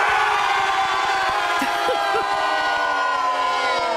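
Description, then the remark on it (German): A dense crowd of people dressed as superheroes shouts and cheers continuously on the Frickentalplatz in Niederstetten, a loud, steady wash of many overlapping voices with a few brief rising whoops near the middle. “Die stehen nicht einfach nur hier und schreien und jubeln, sondern die sind alle verkleidet als Superheldinnen und Superhelden.”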